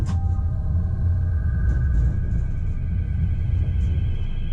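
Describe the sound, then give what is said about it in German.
A tram rumbles steadily along in the evening with a deep, continuous low-end drone, faint metallic whines and squeals riding above it, heard from inside the tram with no one talking. “Wieder öffentliches Verkehrsmittel? Diesmal Straßenbahn.”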